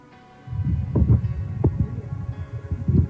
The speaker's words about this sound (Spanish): Apague el ventilador si es lo que tiene prendido al lado, por favor. Ya, deme un segundo acá. Porque si no, lo siento como si estuviera metido en un huracán.